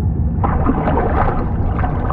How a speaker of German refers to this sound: Mit erloschenen Scheinwerfern durchstieß das U-Boot die Wasseroberfläche.